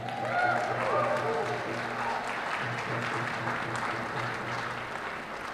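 An audience applauds steadily as a speaker is introduced, dense overlapping clapping at a sustained moderate level with a murmur of crowd noise underneath, no pauses across the few seconds.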